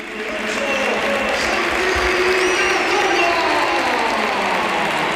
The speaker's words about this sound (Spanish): Mira, mucha gente se pone de pie y mucho aficionado del Oviedo, pero por favor, que escuchen la ovación que tributa al Bernabéu a Santi Cazorla.